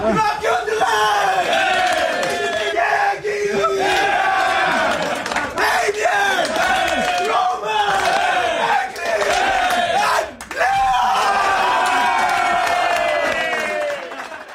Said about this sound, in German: Ja, eben, ein riesen Geschrei in der Garderobe.